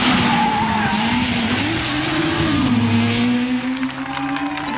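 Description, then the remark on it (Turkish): A taxi's engine roars loudly, its droning pitch rising and dipping as it revs, with a harsh hiss of tires skidding throughout. No one speaks. “Bu bir taksi.”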